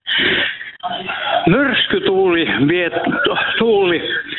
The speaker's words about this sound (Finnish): sulla on tosi kovalla radio siellä taustalla, niin siirrytkö vähän kauemmaksi tai jos saa radiota vähän pienemmälle, niin ei lähde kiertämään.